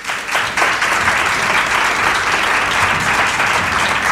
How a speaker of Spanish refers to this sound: Te van a dar un aplauso, Odilio Rodríguez de la Fuente. Venga, un aplauso.